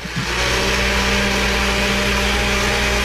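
An electric blender in a house runs steadily for a few seconds, a loud, continuous motor whir with a broad grinding hiss and a constant low hum, with no one talking.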